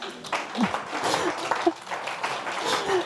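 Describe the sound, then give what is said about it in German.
A live radio audience claps steadily for about three seconds, a dense, even patter of applause with a few faint voices and cheers mixed in. “noch mal einen Applaus für deinen Frosch.”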